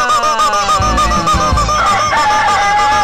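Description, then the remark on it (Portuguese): A loud, busy chorus of rooster and hen calls, with clucking and squawking overlapping continuously for a few seconds and no one speaking; a sound effect for the traditional Galo e da Galinha game on the Guilherme Santos program. “E vai ser oferecido, em nome das Casas do Galo e da Galinha, a tradicional brincadeira do Galo e da Galinha!”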